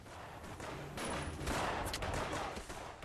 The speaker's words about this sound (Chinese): 这个夜晚，满城的枪声也惊动了被关在太原府大牢里的望柏和望石。